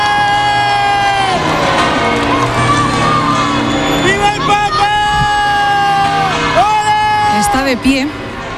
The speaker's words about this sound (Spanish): En estos momentos está saliendo el Papa Móvil del Palacio Real, con lo cual los oyentes van a escuchar enseguida. Ahí está la algarabía de la gente. Saluda el Papa.